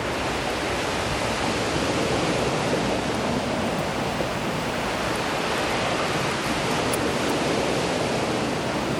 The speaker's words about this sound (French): Le vent et les vagues se mélangent. Se mélangent si bien.